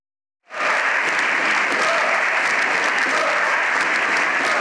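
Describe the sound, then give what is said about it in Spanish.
Loud, dense applause in the Spanish parliamentary chamber at the end of a plenary session starts abruptly after a brief silence and continues steadily, the Socialist benches clapping while the opposition shouts for the prime minister's resignation, many hands clapping at once with scattered voices mixed into the din. “La bancada socialista aplaudiendo la de la oposición, pidiendo a gritos la dimisión al presidente.”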